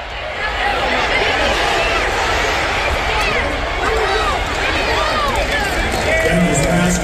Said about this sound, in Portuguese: Olha que legal esse frisson da torcida. Vocês acabaram de entrar junto comigo dentro de um estádio de futebol americano.